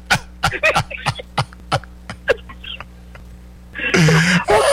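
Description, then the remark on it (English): After a run of sharp, scattered clicks and taps, a loud sneeze bursts out at the end, a breathy blast with a voiced edge. “God bless you.”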